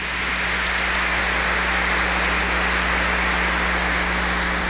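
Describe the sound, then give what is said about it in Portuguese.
An audience at a church service gives a round of applause for someone's birthday, many hands clapping in a dense, steady wash of sound that holds an even loudness throughout, with no voices heard over it. “Uma salva de palmas, tá, irmão?”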